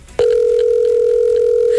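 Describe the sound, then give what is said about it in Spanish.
A telephone ringback tone sounds as a loud, steady electronic hum that starts abruptly and holds without a break, the call going unanswered with no voices present. “No va a contestar. No va a contestar. No, cuélguele eso.”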